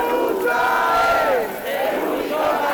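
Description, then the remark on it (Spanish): A large protest crowd shouts in indignation, frustration and anger, two days after Congress struck down the housing decrees, many voices overlapping in rising and falling cries that swell and dip briefly before surging again, with no clear individual speech. “los gritos de indignación, frustración y enfado a la vez no cesan una vez más.”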